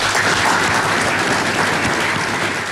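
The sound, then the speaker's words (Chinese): Sustained, dense applause from a large crowd, a steady wash of many hands clapping at an even loudness throughout, with no voices standing out, as the Chinese and Russian heads of state, Xi Jinping and Vladimir Putin, jointly unveil the logo of the China-Russia Year of Education. “在热烈的掌声中，两国元首共同为中俄教育年徽标揭幕。”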